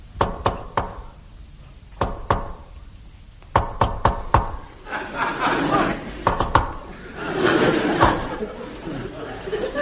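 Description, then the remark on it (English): Sharp knocks on a wooden door come in a patterned secret-knock rhythm given by a visitor arriving, short clusters separated by pauses, while a murmur of voices and chuckling rises in the background during the later knocks. “I know he cares naught for me, so when I arrive, I shall give a secret knock.”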